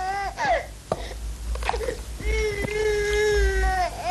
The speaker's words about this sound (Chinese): 这孩子哭声大，将来做官也大。